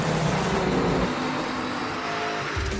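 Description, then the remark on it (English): A loud, continuous roar of a racing car engine in the IMSA WeatherTech Sports Car Championship at Laguna, its harmonic whine shifting in pitch as it revs, steady for the whole stretch with no voices. “Three, two, The WeatherTech Sports Car Championship on IMSA Radio.”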